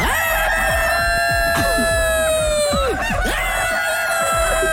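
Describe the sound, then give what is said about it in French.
A rooster crows loudly in one long, sustained call with a strained, harmonic-rich tone that tapers off near the end, over a busy background of clucking and other farmyard noise. “Si le coq pouvait parler, qu'est-ce qu'il dirait?”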